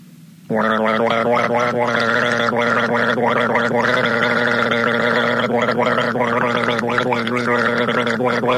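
Someone guzzles a drink in one long, loud, bubbly gurgle that starts abruptly after a brief quiet moment and continues for about eight seconds, with no talking.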